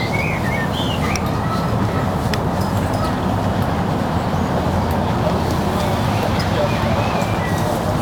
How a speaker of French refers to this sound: Après, bon, t'entends légèrement le périph', mais tu peux te dire, bah, c'est le bruit de la mer, tu vois. C'est les vagues, ouais.